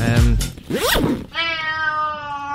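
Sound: cat meowing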